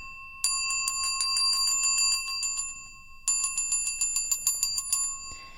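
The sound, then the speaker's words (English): Small bells on an instrument built on a horse's jaw ring in two rapid, jangling bursts, a bright metallic shimmer of quick repeated strikes with a short pause between them and no voices. “And then I have the bells, too,”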